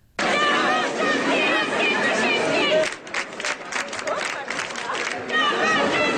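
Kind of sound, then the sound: crowd, protest crowd shouting chants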